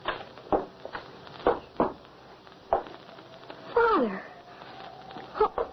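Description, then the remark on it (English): An injured dog whimpers: several short, breathy sniffling bursts, then a single high, wavering whine that slides downward, followed by a couple more snuffles. “Your whimpering will not help.”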